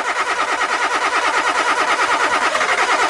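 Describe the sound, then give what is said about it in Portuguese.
A car engine cranks over and over without catching, a loud, rapid churning rhythm that keeps going steadily for a few seconds with no voices. “seu carro não pega?”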